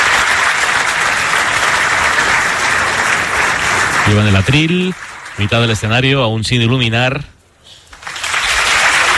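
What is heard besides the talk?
audience applause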